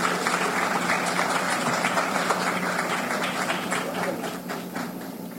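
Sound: audience applause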